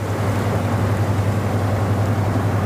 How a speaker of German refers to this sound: und der Lastkahn vorbeigetuckert ist, dann weiß man, warum es am Rhein so schön ist.